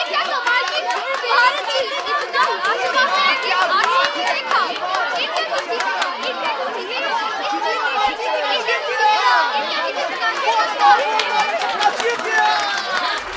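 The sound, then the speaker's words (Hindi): Dense crowd chatter fills the whole stretch, many overlapping voices at a steady, fairly loud level, with scattered sharp knocks and claps poking through the murmur. “अनुष्का भीड़ की बातों को ध्यान से सुन रही थी।”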